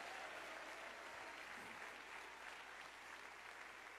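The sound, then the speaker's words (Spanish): A crowd claps steadily and densely for several seconds for the risen Christ, a sustained wash of many hands applauding together at an even, loud level with no speech over it. “Dele ese aplauso al Cristo resucitado.”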